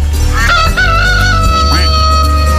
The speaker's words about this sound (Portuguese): O galo cantou.